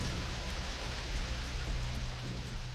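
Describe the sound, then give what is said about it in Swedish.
Heavy rain pours down in a dense, steady hiss that stays constant throughout, with no voices or other sounds breaking through. “Regnet öste ner, men det var inget som de brydde sig om.”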